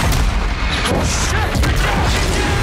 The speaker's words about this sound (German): Und wir sind mittendrin in der Action. Große Explosion. Es wird erst geschossen, dann werden Fragen gestellt.